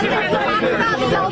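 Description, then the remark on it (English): Reporters shout questions loudly over one another while the president is answering, a dense, overlapping babble with no single speaker standing out, steady and fairly loud across the short stretch. “Just let the president finish the answer to the question before you start screeching.”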